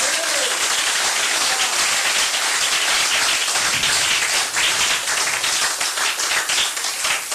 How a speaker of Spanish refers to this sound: Den un aplauso a Cristo en esta linda noche. A los escogidos de Dios. Déselo fuerte al Señor.